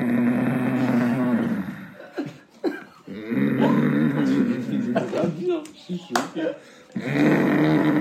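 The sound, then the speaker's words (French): A voice imitates a man's loud, drawn-out snoring: three long, rumbling, nasal snores, each separated by a short pause with brief breathy noises, strong throughout. “Genre le signal, c'était quand son père il ronflait, mais comme un...”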